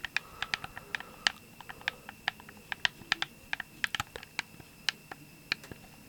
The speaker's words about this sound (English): The joysticks too make a very nice plastic snap. I do quite enjoy that.